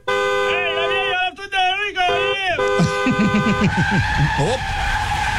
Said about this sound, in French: J'aime donc ça, le Chinatown. Hein? Il y a toujours du monde, il y a toujours de l'ambiance. Oh, que de l'ambiance. Mais vous faire écouter, attendez, je vais vous faire écouter l'ambiance.